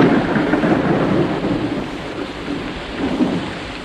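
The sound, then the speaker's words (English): Heavy rain pours down in a steady, dense hiss, pattering onto a plant with wide, flat leaves, with a deep low rumble underneath like thunder. No voices are heard. “But the rain is pouring down now.”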